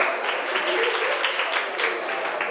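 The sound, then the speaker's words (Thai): A group of students claps together in a classroom for a group of classmates who answered about units of measurement, a dense, steady patter of many hands that stays even for the whole moment, with no clear talking over it. “เก่งมากปรบมือให้เพื่อนกลุ่มนี”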